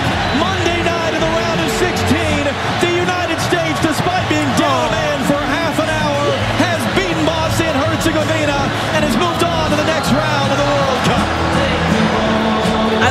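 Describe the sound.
A huge soccer stadium crowd sings a song together after the final whistle of a 2–0 United States win, a loud, steady wall of massed voices with wavering melody, punctuated by scattered sharp claps and thumps throughout.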